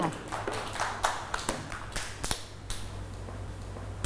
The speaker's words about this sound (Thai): เก่งมากค่ะเด็กๆปรบมือให้เพื่อนๆด้วยค่ะ